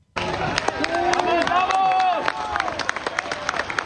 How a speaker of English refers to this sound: As crowds erupted in cheers and celebrations.